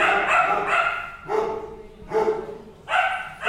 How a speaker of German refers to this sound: Im Tierheim ist ganz schön was los. Die Hunde sind teilweise einzeln und teilweise grüppchenweise in Zimmern untergebracht. Kurz bevor sie ihr Mittagessen bekommen, sind viele von ihnen ganz aufgeregt. Es wird viel gebellt und herumgewuselt